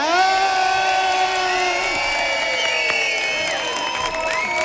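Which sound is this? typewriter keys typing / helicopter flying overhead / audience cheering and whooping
audience cheering and whooping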